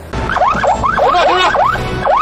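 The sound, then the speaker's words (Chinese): A police patrol car siren in Haidian whoops in quick, repeated rising-and-falling sweeps, loud, over a low rumble of traffic, with a brief break before it resumes, signaling a motorcycle with a modified, very loud exhaust to stop. “警车呢也是赶紧示意他停车，但是您猜怎么着啊？”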